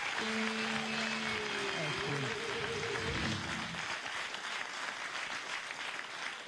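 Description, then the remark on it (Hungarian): A crowd claps steadily throughout, a dense, even wash of applause, with a voice briefly calling out over it in the first few seconds. “Köszönöm a majom nevével a tapsot.”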